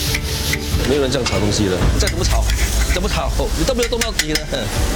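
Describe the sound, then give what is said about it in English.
A spatula scrapes and stirs steadily through a thick, sizzling sambal in a pan at a hawker stall, with rough rasping strokes while people talk over the cooking; around 150 kg is being fried. “没有人这样炒东西的，再怎么炒，你都没有动到底的。”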